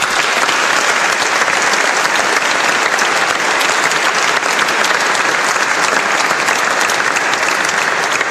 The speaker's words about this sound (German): Und ich glaube, Sie haben sich auch einen Applaus verdient.